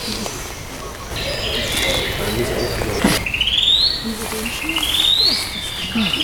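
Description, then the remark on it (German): A song thrush sings outdoors, its varied, repeated phrases of bright whistles and rising notes, all from the one bird, carrying over a steady background, with a pigeon-like coo and faint other birds. “Das ist jetzt die Singdrossel. Das alles ist ein Vogel.”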